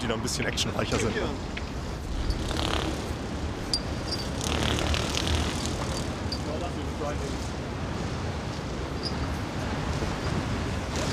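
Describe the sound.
A helicopter's engine and rotor roar loudly and steadily at close range, a dense, constant rumble that never lets up, with muffled voices faintly underneath.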